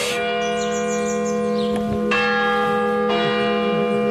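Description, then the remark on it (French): A village church bell chimes the quarter hour with several slow, resonant strikes, each hum lingering and overlapping the next, ringing out clearly with no one speaking. “Voilà, la cloche sonne tous les quarts d'heure.”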